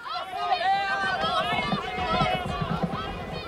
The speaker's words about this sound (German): Als er den Platz betrat, näherte sich das erste Rennen gerade dem Höhepunkt und er hörte die Rufe der Zuschauer.